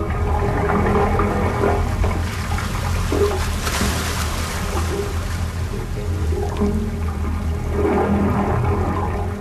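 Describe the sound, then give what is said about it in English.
Water surges and gurgles through the pipes of the San Francisco Bay wave organ, pipes up to 15 feet long submerged in the water and venting through stone, with a hollow, resonant rushing as the swell moves in and out, swelling and receding in continuous waves, with no voices. “The sounds are produced by the swell of water rushing in and out of the pipes, vibrating and resonating”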